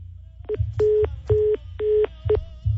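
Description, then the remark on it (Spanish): Five clear electronic DTMF beeps from a phone keypad as a telephone number is dialed, some short and some held longer, in an uneven rhythm against a low background rumble. “Vamos a marcarle a este ruco que es albañil.”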